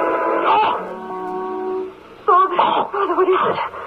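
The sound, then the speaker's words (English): A man's voice cries out in his sleep during a dream, in a long, drawn-out moan with steady harmonic pitch, breaks off briefly, then resumes in louder, wavering wails and groans, with no clear words. “Oh, yes, sir, you cried out.”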